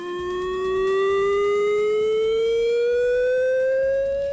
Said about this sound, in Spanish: Es la sirena de emergencia química que sonará hoy entre las 10:30 y las 11 en el municipio. A la vez, no se alarmen. Si la escuchan, se trata de un simulacro.